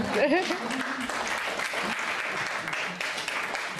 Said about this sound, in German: Und natürlich mein Dank, Sie dürfen gerne auch klatschen.